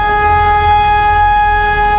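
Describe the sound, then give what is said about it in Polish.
A civil defense warning siren, sounded during a nationwide emergency readiness test in Wrocław, Poland, holds one steady, unwavering tone, loud and continuous throughout, over a low background rumble, with no voices. “W całym kraju można było usłyszeć syreny ostrzegające, a kiedy we Wrocławiu poderwano alarm”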